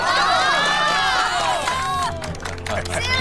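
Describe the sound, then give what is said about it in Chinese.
A lively crowd of wedding guests at a village wedding in Qingshanyu cheers and shouts in a loud, continuous burst to welcome the groom to speak, with scattered clapping joining in toward the end, energetic throughout. “下面有请我们的新郎官讲两句，大家鼓掌欢迎。”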